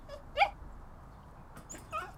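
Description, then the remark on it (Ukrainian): A small dachshund named Alf, under the stairs with his front paws tangled in his leash, whimpers softly, giving two brief, high-pitched whines about one and a half seconds apart against a quiet background. “Нам досить тісно тут із таксою вдвох, але я можу легенько погладити собаку за вушком.”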